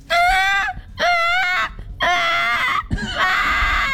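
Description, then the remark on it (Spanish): A person imitates a baby's cry with four loud, high-pitched wailing bursts, each about half a second to a second long, separated by brief gasping pauses. The last wail wavers and breaks. “Un bebé llorando.”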